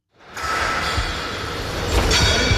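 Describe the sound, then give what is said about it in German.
Construction site noise at the EVZ stadium, which is being rebuilt and expanded: a steady, loud mechanical rumble and hiss, with a few sharp knocks and bangs toward the end. No one speaks. “Beim EVZ klopft es und tätscht es. Aber noch nicht auf dem Eis, sondern auf der Baustelle.”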